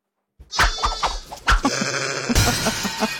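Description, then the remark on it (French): A sheep bleats, a wavering, quavering call that rises and breaks into a second longer bleat, loud and alone with no talking. “C'est un mouton.”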